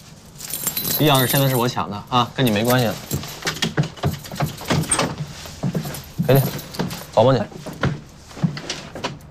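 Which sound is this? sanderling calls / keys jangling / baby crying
keys jangling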